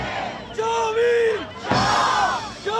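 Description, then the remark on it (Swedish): A crowd of protesters outside a football arena shouts and chants loudly with drums, in long, sustained bursts, voices rising and falling together with a brief pause between outcries, the whole scene dense. “Så hör jag liksom det här dånet av trummor och liksom demonstrationer och folk som skriker, liksom skriker sig hesa då.”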